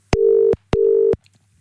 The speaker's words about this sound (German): So, was drücke ich denn jetzt hier? Da drücke ich mal da drauf und dann klingelt's. Und ich hoffe, sie geht dran.